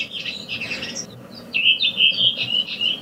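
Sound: redwing song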